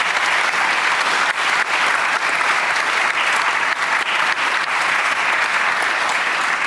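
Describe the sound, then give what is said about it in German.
Sustained applause from an audience fills the whole stretch, a dense, steady wash of many hands clapping at once, loud with no pauses; applause for author Thomas von Steinecker and his novel Schwestern at the Poetinnenfest in the Orangerie in Erlangen. “An dieser Stelle aber einen Applaus für Thomas von Steinecker und seinen Roman Schwestern.”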